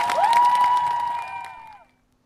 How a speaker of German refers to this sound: Vielen, vielen Dank für diese große Rede. Macht noch mal richtig Applaus.